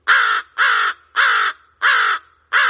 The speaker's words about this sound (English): The harsh caws of American crows are one of the most familiar bird calls in North America.